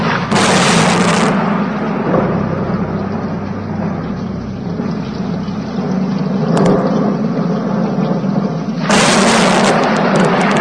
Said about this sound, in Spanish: Bramaban las nubes, los truenos se sucedían unos a otros, se acercaba una terrible tormenta con intenciones de arrasar a la ciudad y a la parroquia.